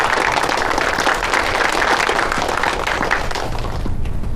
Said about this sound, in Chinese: 大家鼓掌，祝贺陈专员荣升。